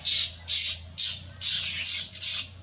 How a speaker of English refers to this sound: thought it was a rainbow lorikeet. It is. Do you know what it is from the noise, from the sound?